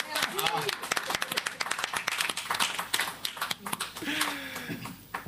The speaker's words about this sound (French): Faut applaudir encore.